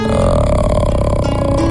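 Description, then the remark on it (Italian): A sustained, very low burp-like vocal note from the mouth, the lowest note the body can make without forcing the vocal cords, sung as a vocal warm-up exercise; deliberately voiced with a rough, creaky texture, held steady and loud for under two seconds with no other sounds around it. “Tutti insieme adesso, la nota più bassa che può fare il nostro corpo, ma senza forzare le corde vocali. Cioè, tipo come se doveste fare un rutto.”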